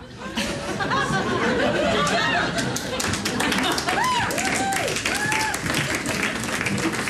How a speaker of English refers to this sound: applause for that, man.